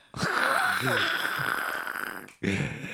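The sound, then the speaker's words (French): A long, drawn-out yawn, loud, stretching for over two seconds with a breathy, groaning quality, then cut off as another breathy vocal sound begins. “Le bâillement.”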